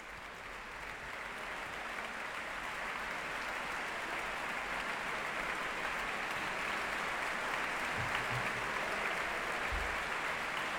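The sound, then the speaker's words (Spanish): A concert audience applauds steadily, a dense, continuous wash of clapping from a large crowd that stays strong and even throughout, after the Orquesta Nacional de España, conducted by Irene Delgado Jiménez, performs Beethoven's Symphony No. 2 in D major, Op. 36. “La orquesta aplaude a la directora Irene Delgado Jiménez, que saluda a los cabezas de familia de la Orquesta Nacional de España, pone en pie a la orquesta y el público aplaude la interpretación de la Sinfonía número 2 en re mayor, opus 36”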